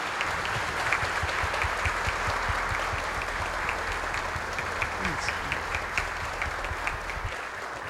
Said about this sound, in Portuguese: Vamos acolher esta família com uma salva de palmas.